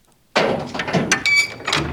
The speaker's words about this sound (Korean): 육중한 철문이 끼익 소리를 내며 열렸고